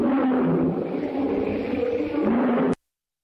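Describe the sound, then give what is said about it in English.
A lion in the jungle at night lets out a long, deep, rumbling roar, loud, sustained for nearly three seconds before cutting off abruptly into silence. “Numa roars.”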